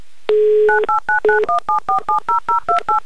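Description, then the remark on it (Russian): A steady dial tone briefly sounds, then a quick run of about eleven crisp touch-tone beeps as a phone number is redialed, loud with no talking. “Просто наберем номер телефона повторно. Итак, набираем его.”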